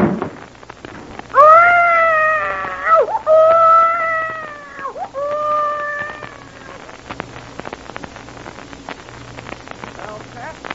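A baby cries in long, loud, wavering wails, two or three drawn-out cries with sliding pitch, then fades into faint background noise and a low steady hum.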